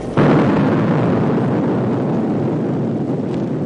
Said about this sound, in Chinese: 1964年10月16日，中国第一颗原子弹在铁架上爆炸成功。